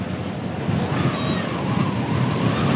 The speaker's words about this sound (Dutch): Wat vooral opvalt is dat het hier flink aan het waaien is. Al de hele etappe eigenlijk, als we naar de bomen kijken, naar de vlaggen van de mensen die aan de kant staan, dan staat hier echt wel een strakke wind. Die staat voorlopig wel in de rug.